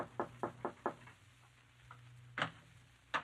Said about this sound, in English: Your throat feels a little tight as you go upstairs and knock on the door.